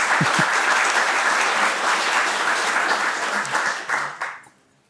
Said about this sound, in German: Ja, gerne Applaus.